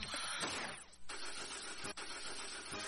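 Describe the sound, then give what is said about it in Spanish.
A car engine cranks and sputters, struggling to turn over without catching. The sound is loud, with no voices. “¿Anda fallando tu carro?”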